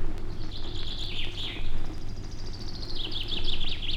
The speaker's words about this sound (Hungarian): Már éppen lecsukódott a szeme, mikor hallja, hogy két színege madár beszélget a feje fölött a bükkfaágon. Csin, csin, csin, csincsere!